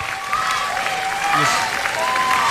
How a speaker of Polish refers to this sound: Wow! Wielkie brawa!